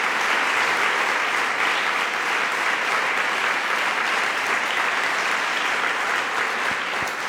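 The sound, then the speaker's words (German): Steady, dense applause from an audience for Jürgen Boos, a continuous crackle of many hands clapping at a loud, even level throughout with no voices over it. “Ich freue mich wirklich sehr über Ihren Applaus für Jürgen Boos.”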